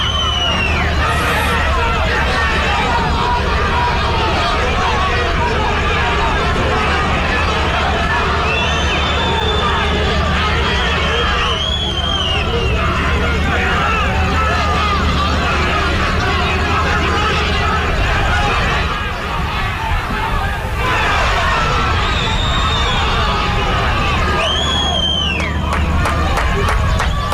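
A large stadium crowd of Cerro fans in the stands boos steadily at the players as they leave the field, a loud, continuous roar with shrill whistles piercing through several times, rising and falling in short bursts.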